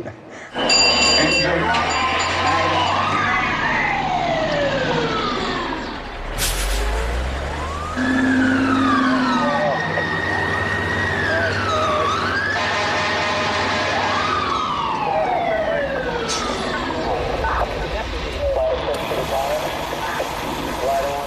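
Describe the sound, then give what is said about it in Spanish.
A loud alarm siren wails continuously, its pitch sweeping up and down in repeated overlapping cycles, with a steady low rumble running underneath throughout. “Créeme, cuando suene la alarma, vendrán a buscarte.”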